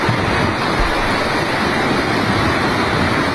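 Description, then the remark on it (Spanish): A loud, steady roar of a thunderstorm on a Thursday afternoon, with strong wind gusts, heavy rain and hail, continuous for a few seconds, with gusty rumbling underneath and no voices. Around 60 litres per square metre fell in about an hour and a half. “Fuertes rachas de viento, agua e incluso también granizo”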